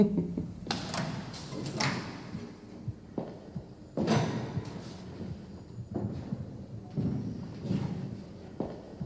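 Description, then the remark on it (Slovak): A door is slammed shut with a heavy thud, followed by several more sharp knocks and bangs spread over a few seconds against a low background rumble. “Poriadne pribuchnite. Akurát.”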